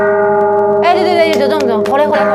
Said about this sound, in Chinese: 对，放在最前面嘛，就是过年的钟声那种感觉嘛哈。